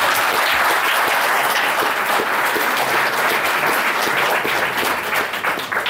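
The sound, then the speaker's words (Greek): An audience applauds steadily, dense overlapping claps forming a loud, continuous wash of sound that holds for several seconds and thins slightly at the end, applauding at the speaker's request a woman credited with editing a book, during a speech about the book. “Και θέλω πάλι να την χειροκροτήσετε παρακαλώ.”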